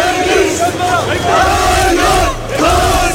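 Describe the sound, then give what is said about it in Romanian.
A large crowd of protesters gathered in Taksim Square in Istanbul, Turkey, demanding wage increases, social protection and collective labour contracts, chants loudly in unison, rising and falling voices repeating a rhythmic slogan in waves, with dense shouting filling the background throughout. “Aceleași lucruri le-au cerut și protestatarii adunați în piața Taksim din Istanbul, Turcia.”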